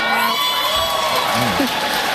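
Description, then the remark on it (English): A crowd cheers and applauds an award acceptance speech, a dense, steady wash of clapping that stays loud throughout, with a few rising whoops and shouted voices cutting through near the end. “Listen to that crowd reaction.”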